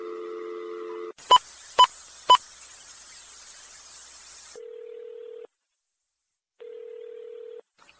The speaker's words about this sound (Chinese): 公司这部分，我来敲一个电话来问头家一下，叫公司嘛送一罐，互咱这大哥大姐。你等下者，我来敲一个电话一下。